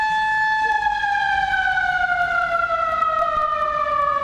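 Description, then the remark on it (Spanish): A loud, sustained siren blast, sounded as the final signal at exactly 17:00, holds one steady wailing tone for several seconds, its pitch sinking slowly and evenly throughout. “17 horas puntualmente. Pitazo final.”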